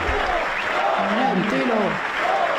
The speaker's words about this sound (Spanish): Escuchemos la llegada del ser superior. Ríete tú de los 20 minutos de aplauso de los Javis en Cannes